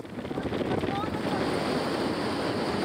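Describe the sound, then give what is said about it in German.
Steady rushing wind buffets the microphone over a continuous, loud wash of moving water as the tide slowly returns over the tidal flats during a horse-drawn carriage ride back across them, with a faint murmur of voices underneath. “Der gleiche Weg, aber eine ganz andere Fahrt. Denn langsam kommt das Wasser zurück.”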